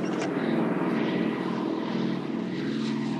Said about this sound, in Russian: Колонну грузовиков атакуют немецкие самолеты.